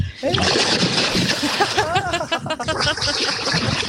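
Loud splashing and sloshing as a person plunges into 13-degree lake water at Tenniskröket in Härjedalen, Sweden, with continuous churning turbulence and the person's gasping exclamations breaking through midway.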